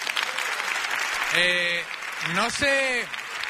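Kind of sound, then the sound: crowd, audience applause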